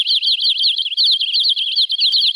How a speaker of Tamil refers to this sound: அக்கா அக்கா, அங்க பாருங்க, பறவைகள் எம்புட்டு இருக்கு இந்த மரத்துல. ஆமா பிள்ளை, அதோட அது எழுப்புற சத்தத்தை கவனிச்சியா? கவனிச்சேங்க்கா. மனச மயக்கிற இசையாட்டம்ல இருக்கு.